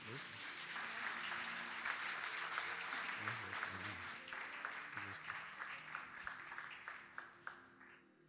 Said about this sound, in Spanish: Amén. Un aplauso para Amén.